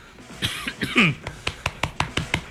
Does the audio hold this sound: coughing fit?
yes